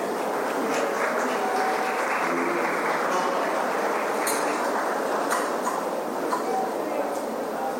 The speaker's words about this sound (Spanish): Ahora sí, de esta manera y con un fuerte aplauso, despedimos al señor Presidente de la República, Santiago Peña Palacios.